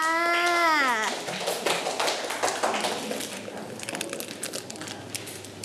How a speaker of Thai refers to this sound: เก่งมากค่ะอ่ะปรบมือให้เพื่อนค่ะ